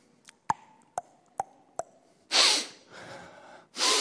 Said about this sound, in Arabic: عارفين ده ايه؟ ده نحنحة المساكين، نحنحة التعبانين، نحنحة الكفرانين، نحنحة المتضايقين.